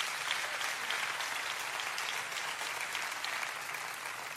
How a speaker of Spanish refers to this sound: Denles un aplauso a mis dos voluntarios aquí.